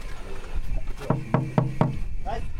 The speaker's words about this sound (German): Hallo! Hallo! Harzer Schmalspurbahn. Müssen wir vielleicht mal hier klopfen?